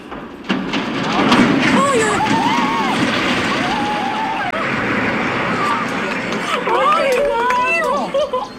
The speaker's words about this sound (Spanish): Son los chirridos que hacen al doblarse las enormes vigas de hierro, el estruendo del puente de San Miguel de Arcos al caer al río y el asombro de los vecinos.